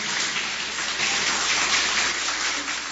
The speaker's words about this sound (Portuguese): Quem tem essa paz pode bater mais palmas, dar glórias. Aleluia.